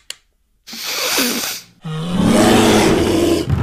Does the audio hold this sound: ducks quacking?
no